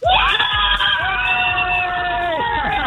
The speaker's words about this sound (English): And I've got some of the gang from the Cork City Hospital's Children's Club here. So I want you guys to give me a cheer for how much you're loving it so far, 2 days in.